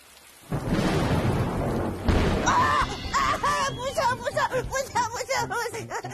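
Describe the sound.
A loud, rumbling thunderclap bursts in suddenly during a heavy rain shower and rolls on for a couple of seconds, cracking again partway through, before fading under voices that begin talking.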